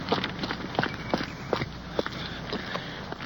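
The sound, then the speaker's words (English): Hurried footsteps of police officers running from their car around to the front door of a building in the dark, a quick, steady series of scuffing thuds on a hard surface, with a faint background hiss and no talking. “Sergeant Perkins is out of the car and hurrying around to the front door.”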